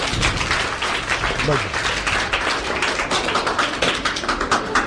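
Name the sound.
audience clapping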